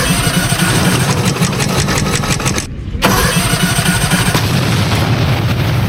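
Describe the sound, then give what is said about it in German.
A racing lawnmower for a lawnmower race, fitted with the exhaust from a vintage car, cranks into life and runs loud with a rough, rapid chugging. It cuts out briefly around the midpoint, then roars back up. No one speaks. “Jetzt gehen wir zur Seite, Horst. Ich schmeiß das Ding an.”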